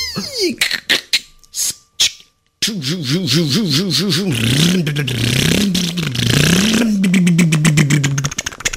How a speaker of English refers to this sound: And the rabbit started up his car. Then the turtle started up his car.